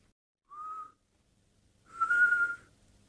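Two thin whistling breaths as air is drawn through a broken tooth after a crash: a short, soft one, then a longer, louder and breathier one, with no talking.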